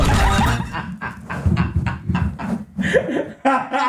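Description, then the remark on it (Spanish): A loud horse neigh: a long, shaky whinny made of rapid repeated bursts that rise and fall for several seconds, with no talking over it. “Ese caballo.”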